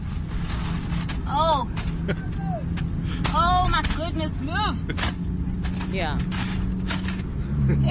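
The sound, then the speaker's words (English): About seven balloons rub and squeak against each other inside a car driving home from a spa, with repeated shrill, wavering squeals over a steady low engine and road rumble. A person briefly speaks. “This is me driving back home from the spa with the balloons in the car.”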